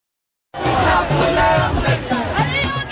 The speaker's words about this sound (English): You're hearing the sounds of protests in India. This week, around 50,000 people gathered in Delhi. huge crowds, marching, camping out, and carrying on even through heavy rain, heat, and humidity.